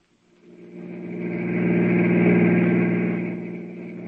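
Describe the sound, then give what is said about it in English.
A car engine fades in and settles into a steady, loud, rumbling drone as the vehicle drives along, about 10 miles from the hotel it is heading to, with no voices. “Get the car. I'll tell you more on the way.”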